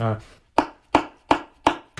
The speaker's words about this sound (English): And it's called slap tongue. It's called slap tongue.